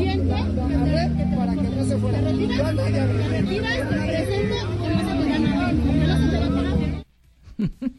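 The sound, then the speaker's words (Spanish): A crowd of fans in the Zócalo shouts in protest at a mototaxi driver overcharging a Chinese tourist, many voices yelling over one another in a loud, continuous din with a low engine-like hum beneath, cutting off abruptly near the end. “Empezaron a gritar los aficionados protegiendo al extranjero.”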